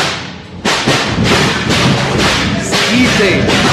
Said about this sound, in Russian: Но уже разрастается шум и грохот за дверями тюрьмы.